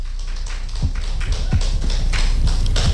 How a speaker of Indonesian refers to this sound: Bapak Ibu penonton sekalian, inilah saat yang dinanti. Tepuk tangannya sekali lagi.